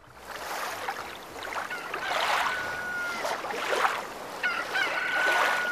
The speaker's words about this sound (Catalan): A Serenal. Un gall a la platja. No, és el gall desveïnat. És el gall que té... El veïnat que té un galliner.